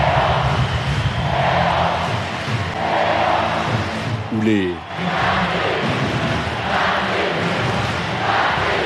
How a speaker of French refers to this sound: À défaut de goodies, ils savent comment mettre l'ambiance avec une technique simple. Crier. Crier fort. Très fort. Et ça marche.